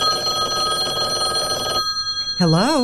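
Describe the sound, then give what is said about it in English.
A telephone rings with a steady, bright electronic tone that stops briefly, then resumes as a warbling trill. The ringing is fairly loud. “It's not ringing. Mine is.”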